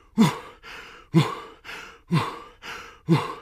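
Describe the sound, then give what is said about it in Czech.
A narrator's voice imitates loud, heavy panting: seven strong breaths in a steady rhythm, alternating sharp huffs with softer intakes, with no words spoken. “A jak tak jdou na ten večerníček, uslyší všichni nějaké hrozné funění.”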